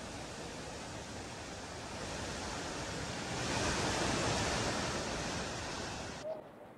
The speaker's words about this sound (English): In Surat, Gujarat, the water level in the Tapi River has risen following incessant heavy rainfall in the region. The swelling river is now flowing at a higher level, raising concerns in low-lying areas along its bank.